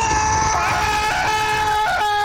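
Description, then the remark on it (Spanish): A loud, sustained high-pitched scream by a single voice, imitating the shocked yell of a sick person with a cold stepping into an icy shower at 5 a.m. The scream is held steadily for about two seconds, with a slight wavering pitch and a quick rise near the end. “Panita dice que a las 5 de la mañana el panita que está enfermo, resfriado, ingresa a la ducha y en la tranquilidad de la madrugada los vecinos de ese individuo van a escuchar un grito así como...”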